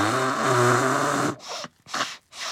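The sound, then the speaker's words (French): A loud, honking nose blow with a buzzy, pitched tone lasts over a second, followed by three short, breathy blowing bursts separated by brief pauses. “Il ne peut plus s'arrêter de se moucher.”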